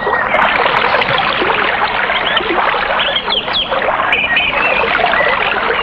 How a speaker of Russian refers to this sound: И тогда начался страшный ливень.